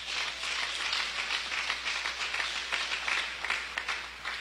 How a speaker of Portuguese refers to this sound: Palmas para Jesus.